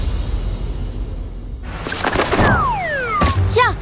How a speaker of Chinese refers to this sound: 小鸟撞玻璃上了， 这是白头杯，也叫白头翁，不仅唱歌好听，还是吃农林害虫的好手呢。